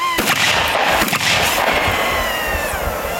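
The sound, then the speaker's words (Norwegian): Sharp gunshots from reserve soldiers' shooting practice outside Imatra, Finland, near the Russian border, crack out in quick succession near the start, echoing across open ground, followed by a lingering reverberant rumble and hiss as the reports fade. “Og det heller ikke lyden av skudd.”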